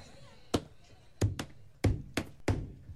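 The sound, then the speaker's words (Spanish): Hollow knocking on a door, roughly six sharp thuds in uneven clusters, fairly loud, with quiet room noise between the hits. “Y volví a tocar 3 veces, compadre. A ver, hágale.”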